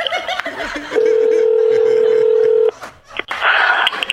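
A telephone keypad tone sounds as one steady electronic beep held for almost two seconds, loud, with voices and a bit of laughter before and after it.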